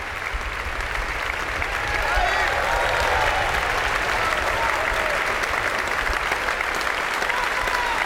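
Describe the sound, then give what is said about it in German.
A large audience in the Stiftskirche Melk church claps steadily and enthusiastically for the performers at a festival closing concert, the dense applause swelling slightly after the first couple of seconds and continuing at a full, even level throughout, in a reverberant space. “Das Publikum hier in der Stiftskirche Melk ist begeistert, ja, und wie Sie hören, spendet es großen Beifall für all die Mitwirkenden dieses Festival-Abschlusskonzertes.”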